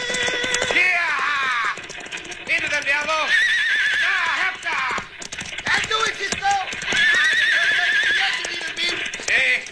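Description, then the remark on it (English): Several runaway horses neigh and whinny loudly and repeatedly over a steady drumming of galloping hooves near the edge of a bluff, the shrill cries rising and falling throughout. “Have to ride between the runaway horses and the edge of the bluff.”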